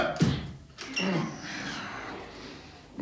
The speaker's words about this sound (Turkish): Aman Allah'ım, kapıyı yıkacak, geliyorum. Açsın Allah'ım kapıyı.